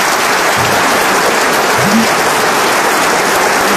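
Steady, dense applause from an audience for the Grosses Têtes panelists returning to their places, a continuous wash of clapping at a consistent loud level throughout, with a faint voice briefly surfacing underneath.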